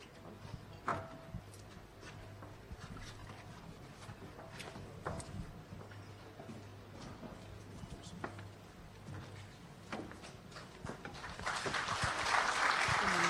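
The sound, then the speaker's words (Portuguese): A large audience in a conference hall at the Tete International Investment Conference 2026 in Tete province claps steadily amid a low room hum and indistinct murmuring. Near the end the applause swells into a louder, denser burst. “Mais forte essas salvas de palmas.”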